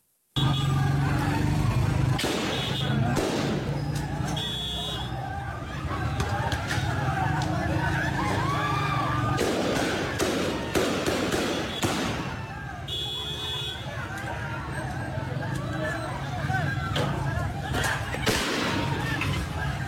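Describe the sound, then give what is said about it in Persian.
Sharp cracks of gunfire from Taliban forces shooting at protesters burst out at irregular intervals, some in quick pairs, over a loud, continuous crowd of shouting voices in an open street. “این بار نیز نیروهای طالبان به جای پاسخ به خواسته‌های مردم با شلیک گلوله و استفاده از زور وارد عمل شدند.”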